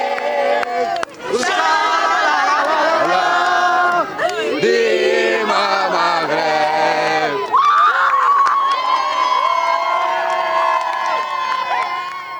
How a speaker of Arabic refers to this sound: استمر في رصد أجواء فرحة الجماهير بهذا التأهل والفوز المغربي مع مراسل التلفزيون العربي في الرباط